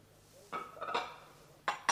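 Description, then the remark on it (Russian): Fairly quiet clinks of cups and crockery as tea is poured from a kettle: a cluster of three ringing taps, a pause, then two sharper clinks. No one speaks. “Вон там чайник. Наливайте и согревайтесь.”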